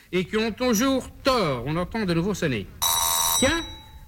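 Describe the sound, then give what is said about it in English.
A doorbell gives one short, bright ring lasting about half a second, sharp and buzzing, after a stretch of speech. A voice starts speaking again right after it stops. “oh, the doorbell. Someone must be there.”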